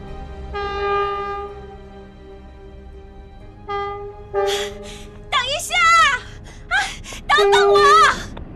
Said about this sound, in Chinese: 火车即将出发的那一刻，他突然看见一个蓬头垢面的姑娘背着一个巨大的包袱拼命地奔跑着，追赶着火车。